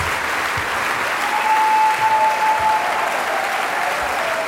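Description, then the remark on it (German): Sustained applause from a large concert audience demanding an encore after Mozart's Piano Concerto No. 20 in D minor, K. 466, a dense steady wash of clapping that holds at an even, fairly loud level throughout, with a faint whistle-like tone rising briefly in the middle. “Ja, und Sie hören es, meine Damen und Herren, das Publikum verlangt hier eine Zugabe.”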